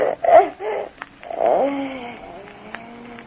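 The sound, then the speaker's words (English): A cat named Ronna, hiding in a cupboard, cries out in a few short, rough bursts, then lets out a longer wavering yowl that slides downward in pitch and fades, with no voices. “It's Ronna, her cat. She's been hiding in the cupboard there.”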